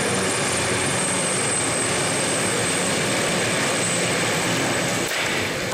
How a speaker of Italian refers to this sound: Sentite, viene appunto proprio in questo momento, salutato anche da un applauso, sorvolato il cielo sovrastante la basilica dagli aeromobili, proprio come omaggio, l'omaggio dell'aeronautica alla Vergine.